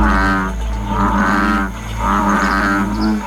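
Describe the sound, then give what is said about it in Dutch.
A frog croaks loudly and repeatedly in drawn-out, buzzing calls, with a steady low hum underneath and no voices. “Het gaat in dit bulletin over deze vervelende kikker.”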